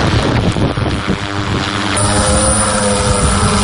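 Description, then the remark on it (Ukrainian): A heavy bomber drone carrying a sack of provisions lifts off on a logistics mission in the Pokrovsk direction of the front. Its rotors build to a loud, steady buzzing drone with a rough, whirring texture and gusts of wind noise, no voices heard. “Такі бомбери з посилками тепер невід'ємна частина фронту, адже інакше доставити усе необхідне нашій піхоті неможливо.”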